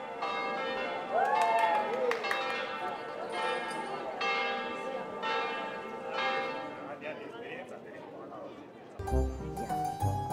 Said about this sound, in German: Die Glocken kündigen ein besonderes Ereignis an. Heute wird Hochzeit gefeiert.